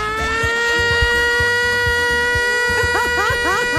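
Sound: siren sound effect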